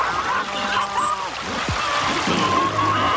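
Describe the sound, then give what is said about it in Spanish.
A river flows steadily with a continuous rushing, babbling wash of water, even in loudness throughout, with faint murmuring tones underneath. “Mira, hijo, este río nos trae tantos beneficios, así como lo es Cristo Jesús, que es agua de vida eterna.”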